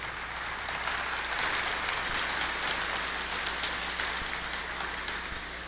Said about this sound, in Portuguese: Nossa Senhora merece uma salva de palmas, né, gente?